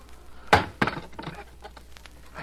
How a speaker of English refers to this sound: Now, close the door.